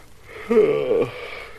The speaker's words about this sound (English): You got me yawning, too.